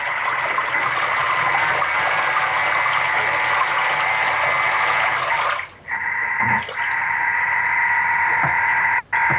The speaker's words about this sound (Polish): Nie wiem, czy słychać, jak się tam ta woda miesza. Oczywiście, że słychać.